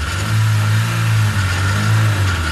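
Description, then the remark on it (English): A car engine revs loudly, its deep rumble rising and falling in two surges over a steady idle, with no one talking. “Pull into Astron Energy with the car you drive every day.”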